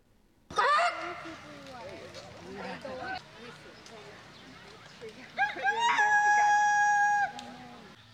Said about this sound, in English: This weekend, more than just roosters were crowing at the 46th annual Wayne Chicken Show.